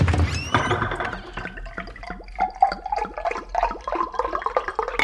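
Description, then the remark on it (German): Water runs from a kitchen tap into a cup, a steady pouring splash with rising gurgling tones as the vessel fills, fairly loud, with no voices. “Ausgelassen hüpft der kleine König aus dem Bett und holt Wasser aus der Küche.”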